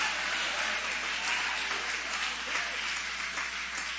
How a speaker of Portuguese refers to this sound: Pode aplaudir, pode louvar, pode exaltar. Aleluia.